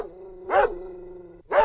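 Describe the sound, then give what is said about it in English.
A dog named Roger barks twice, about a second apart, with short, loud woofs over a low steady hum between them. No one speaks. “So that's always a good sign of gut health being on point and being a happy dog as well. And Roger sounds happy.”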